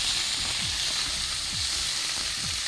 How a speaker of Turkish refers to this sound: Yağsız sinirsiz kuşbaşı şeklinde doğranılmış. Evet. Şöyle sade yağımız eridikten sonra etimizi alıyoruz.